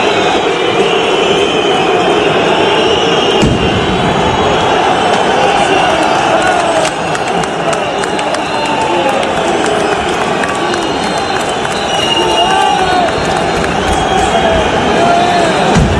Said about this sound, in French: On entend des pétards, des cris, c'est devenu une habitude quand une équipe est reléguée, les matchs ne peuvent aller à leur terme à cause des manifestations de mécontentement.